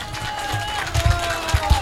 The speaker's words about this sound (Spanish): Démosle un aplauso fuerte, ¿no es cierto?, a nuestro buen amigo